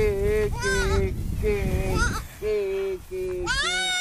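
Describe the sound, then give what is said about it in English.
A little auburn newborn goat kid, held up to a man's chest, bleats several times in close succession, each cry wavering and high-pitched, over a low, rumbling background. “He presses the goat's face to his own, giving its ears sweet kisses.”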